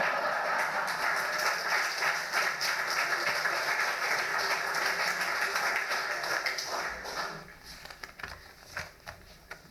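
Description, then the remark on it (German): An audience claps in a steady, dense wash of applause that holds for several seconds, then thins out into a few scattered, sharper claps before dying away. “Vorher klatschen gilt nicht.”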